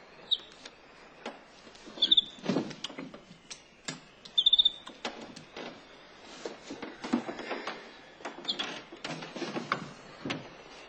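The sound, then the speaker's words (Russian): A small bird gives a few short, high chirps spaced a couple of seconds apart, mixed in with steady clattering ticks and knocks; nobody speaks. “Ишь, куда тебя завезли, птичка.”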